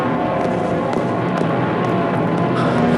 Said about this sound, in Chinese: 鬼子的飞机又来炸我们的大桥